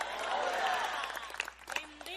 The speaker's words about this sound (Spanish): Tres aplausos y un pujido por ahí. Si le va a dar un aplauso al Señor, déselo fuerte.